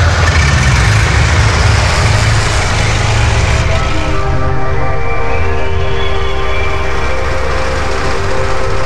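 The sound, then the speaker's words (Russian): A truck engine roars loudly and steadily, its pitch climbing as it revs hard partway through, its wheels spinning and slipping on a road gone muddy after rain on a dull, warm day. “Дороги раскисли после дождя, колеса то и дело буксовали.”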